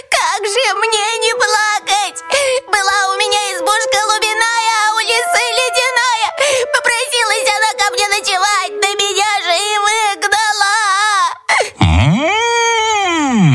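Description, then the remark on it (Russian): A voice imitates a hare crying in a folk tale, with high, wavering whimpers and sobbing wails that go on steadily, ending in one long rising-and-falling whine. “Что, зайчик, плачешь?”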